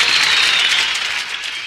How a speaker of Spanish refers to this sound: Fuerte ese aplauso.